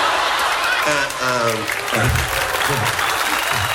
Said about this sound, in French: Arrête! C'est pas la peine d'applaudir.